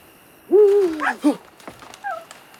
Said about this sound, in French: Une chouette. Mon Dieu, est-ce qu'elle m'a effrayé?